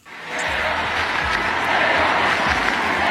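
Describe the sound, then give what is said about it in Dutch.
A huge sold-out crowd at the Stade de France roars and cheers as Pope Leo stands on the stage, a dense, steady wash of noise that swells up within the first half second and holds loud and unbroken, with no clear individual voices. “Zullen we eens kijken, of luisteren vooral, hoe een uitverkocht Stade de France klinkt als hij dus, Paus Leo, op het podium staat.”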